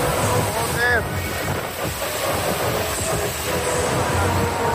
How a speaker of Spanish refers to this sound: Así arreciaba esa lluvia torrencial en Orriols.